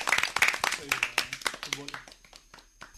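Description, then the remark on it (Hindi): A group claps for Team A after a correct answer in a sports quiz, a quick, uneven patter that fades toward the end, with a voice speaking over the applause partway through. “तो जोरदार तालियां टीम ए के लिए।”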